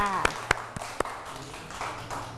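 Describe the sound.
Children clap four times in a quick, steady rhythm, each clap sharp and crisp, before the sound settles into a soft murmur of voices in the background.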